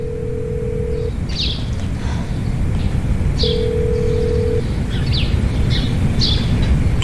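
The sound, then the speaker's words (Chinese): A telephone line tone sounds twice in long steady beeps while someone places a call, with faint birds chirping over a constant low rumble of background noise and no talking. “我打电话问问。”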